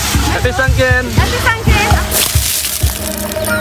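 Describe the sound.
Water sloshes and splashes in a few quick bursts as people pour bucketfuls of water over one another at a festive celebration, mixed with excited voices and busy crowd noise.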